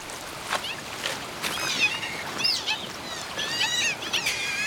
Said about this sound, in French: Je reconnais ce cri qui se situe entre la porte qui grince et le chat qui miaule. Ça serait une loutre d'Europe que ça ne m'étonnerait pas.